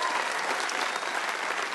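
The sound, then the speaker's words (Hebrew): A live audience claps steadily, a dense wash of many hands applauding at even loudness for the whole moment with no voices rising above it. “אל תמחו כפיים, הוא תימני, אוקיי?”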